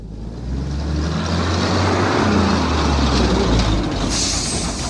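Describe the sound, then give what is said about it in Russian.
A heavy ZIL truck engine rumbles steadily as the truck maneuvers through narrow gates at sunset, a deep low-pitched drone with a gritty mechanical texture that stays loud and even throughout, with a slight rise in hiss near the end. “Долго выруливал в узкие ворота, сотрясая теплый застоявшийся воздух гулом зиловского мотора.”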